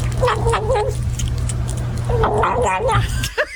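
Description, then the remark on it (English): A French bulldog puppy whimpers in two drawn-out, wavering whines separated by a short pause, over a steady low hum. “Well, no, that sounds like a French bulldog puppy.”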